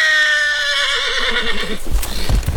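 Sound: agitated horse neighing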